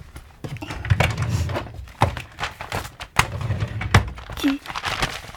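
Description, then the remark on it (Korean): Steady crinkling and rustling of torn notebook paper, pieced back together with Scotch tape, being handled, with sharp crackles and soft thumps scattered unevenly across a few seconds, fairly loud. “그래도 내가 얼기설기 스카치 테이프로 이렇게 붙여놓기는 했어.”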